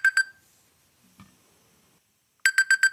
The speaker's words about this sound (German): Das klingt wie so ein klassischer Wecker, ne? Ja, eher klassisch.